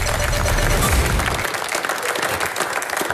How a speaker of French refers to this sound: Applaudissements pour Christophe Bourdon, s'il vous plaît.